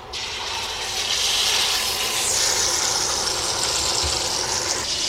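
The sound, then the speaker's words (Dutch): Steady, loud sizzling of partridges frying back-side down in a pan over medium-high heat, a dense crackling hiss that swells slightly after the first second and holds evenly with no voices. “En dan leggen we de patrijzen met het ruggetje naar beneden.”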